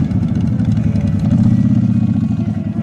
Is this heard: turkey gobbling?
no